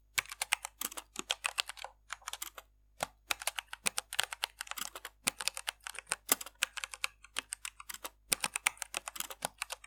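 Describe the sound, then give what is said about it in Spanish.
Steady typing on a computer keyboard, with rapid bursts of crisp key clicks separated by brief pauses, heard on its own without any voices. “Teclear el ordenador produce ASMR, escuchen.”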